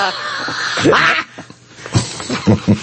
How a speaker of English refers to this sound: You coughed up a lung on that one.